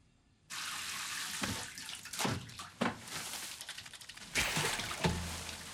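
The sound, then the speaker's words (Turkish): Water gushes steadily from a tap into a bathtub as a bath is run, starting abruptly and holding a broad, hissing roar, with a few louder splashing surges along the way and no talking. “Banyo yapacağım.”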